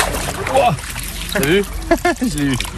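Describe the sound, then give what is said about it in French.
Shallow water of the Pignol stream near Vic-le-Comte, Puy-de-Dôme, France, trickles and burbles steadily throughout, a continuous wash of sound, while people talk over it in the foreground during an electric-fishing survey by the Puy-de-Dôme fishing federation staff; the water level is very low. “Je remonte le ruisseau de Pignol en compagnie du personnel de la Fédération de pêche du Puy-de-Dôme.”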